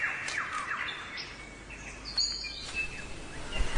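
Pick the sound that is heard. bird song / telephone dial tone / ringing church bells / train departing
bird song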